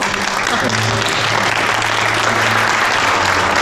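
Sustained, dense applause from a crowd, loud and steady throughout, with a faint low hum underneath and no speech.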